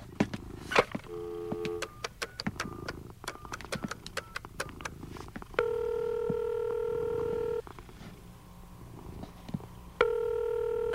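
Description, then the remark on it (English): Phone keypad buttons click and beep in quick succession, with several short dialing tones, followed by two long, steady ringing tones separated by a pause, fairly loud, no voices. “where's the phone?”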